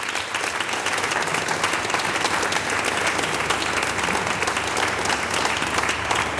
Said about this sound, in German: Mit einem großen Applaus vom Kultur- und Stadtmarketing in Voitsberg.